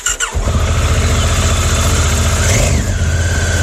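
A motorcycle engine fires up and runs, a loud steady throb with a rising whine as it revs near the end. No one speaks.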